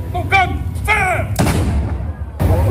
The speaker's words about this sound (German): Um 12 Uhr wird übrigens in dem oberen Baracca-Garten ein Kanonenschuss abgefeuert.